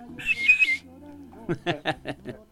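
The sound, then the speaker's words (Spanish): A person whistles a short, wavering, fairly loud phrase lasting about half a second, followed by a series of brief voiced bursts that sound like chuckling or broken speech. “Y el chiflidito.”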